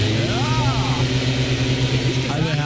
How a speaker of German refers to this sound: War der Laubbläser, habt ihr gleich erkannt. Das ist für mich das nervigste aller Herbstgeräusche